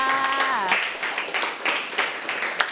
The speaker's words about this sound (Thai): โอ้โหเยี่ยมเลยค่ะปรบมือให้เพื่อนค่ะ